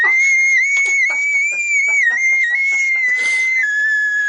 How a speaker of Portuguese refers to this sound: Não, um grito dessa, a pessoa já fica surda.